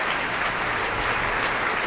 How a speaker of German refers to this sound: Jetzt noch einmal Applaus für den Dirigenten auf der Bühne.